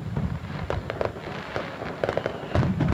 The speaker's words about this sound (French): Rendez-vous donc le dimanche 16 août à partir de 22h30 pour découvrir cette nouveauté, feu d'artifice laser à Sauvé-Singes le dimanche 16 août à partir de 22h30.